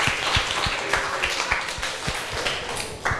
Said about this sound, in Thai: ขอเสียงปรบมือให้กับตัวแทนกลุ่มแรกเป็นอย่างยิ่งนะครับ